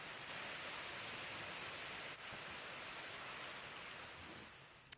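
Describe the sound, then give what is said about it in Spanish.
Heavy rain pours down on a stormy morning in the Balearic Islands, with thunderstorms between Mallorca and Ibiza, in a dense, steady, loud hiss with no voices, briefly dipping once before continuing and fading slightly at the end. “Pues ahí lo están viendo, mañana tormentosa en Baleares. Ha obligado a activar el aviso amarillo.”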